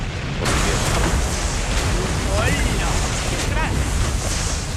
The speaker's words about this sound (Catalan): De cop, es produeix una gran explosió.